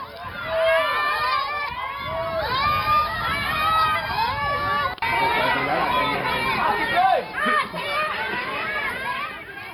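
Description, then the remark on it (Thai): A large crowd of villagers shouts and boos together in protest, demanding that the irrigation department raise a floodgate more than 30 centimetres, many loud overlapping voices rising and falling continuously for the whole stretch, dense with no single voice standing apart. “ตอนแรกกรมชลแจ้งว่าได้รับคำสั่งว่ายก30เซนเท่านั้น ชาวบ้านก็เลยไม่พอใจตะโกนโห่ร้องบอกต้องยกมากกว่า30เซน”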